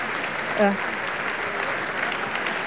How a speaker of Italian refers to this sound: E pare che questa visione di Emma Dante di Tancredi come opera dei pupi abbia convinto il teatro, esce tutto il cast, cioè tutta la crew, vogliamo, di Emma Dante, esce a raccogliere gli applausi.